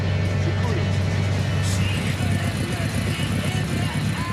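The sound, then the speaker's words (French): The engine of a vintage Volkswagen Beetle rumbles low and steady, as if heard from inside the vehicle, while the car pulls up and comes to a stop. “Je bloque la bagnole.”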